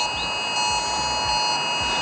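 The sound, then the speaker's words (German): A loud, harsh mobile phone emergency alert tone blares continuously at 11 a.m. during Germany's nationwide warning day test in Bavaria, a steady buzzing alarm with piercing high overtones and a slight pulsing beneath, with no one talking. “An einem Donnerstag, an dem viele im Freistaat wieder erschrecken werden, inklusive mir, wenn am Vormittag um 11 ein Geräusch wie das hier aus unserem Handy kommt.”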